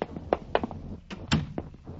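door being closed

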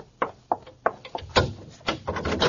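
door being opened

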